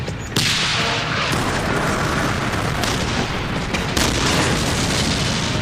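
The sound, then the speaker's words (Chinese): Continuous battle din of a tank battle between German and Soviet forces at Verkhne-Kumsky: heavy booms and blasts, dense rumbling and crackling noise throughout, loud and sustained, punctuated by several sharper explosive bursts; no one speaks. “我们被派去占领上库姆斯基，前进，前进，坦克战开始了。这是坦克之间的较量。”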